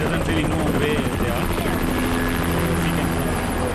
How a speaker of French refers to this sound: Sur ce camp de l'armée, une dizaine d'hélicoptères décollent et atterrissent tour à tour. Ils chargent des vivres à livrer en zone sinistrée à 50-100 km au nord.